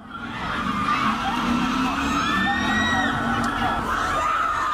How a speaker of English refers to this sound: And there's like, you know, the police line, do not cross. Mm-hmm. There's all these girls behind it and they're screaming how attractive he is.